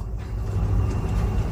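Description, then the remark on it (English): A steady, heavy low rumble of a train passing by, loud and continuous for the whole moment, with a faint hiss riding above the deep roar and no voices. “There was another train passing.”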